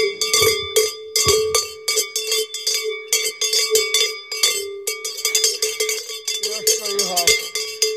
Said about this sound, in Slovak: Zahrám na zvon.